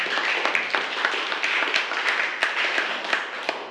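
A group of classroom students clapping their hands for a classmate who answered the teacher's question, a dense, steady patter of many overlapping claps that stays fairly loud for several seconds without any talking.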